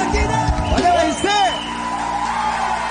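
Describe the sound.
A crowd claps steadily while voices whoop and cheer over it; the loudest cheers rise near the start, then the clapping carries on as a dense, even wash.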